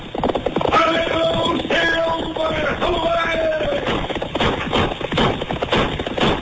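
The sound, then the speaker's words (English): Rapid, steady hoofbeats of a galloping horse, with a high, wavering whinny rising over them early on, from the Lone Ranger radio western; the sound is loud but muffled and narrow, like an old radio broadcast. “Fiery horse for the speed of light, a cloud of dust and a hearty high old silver, the Lone Ranger.”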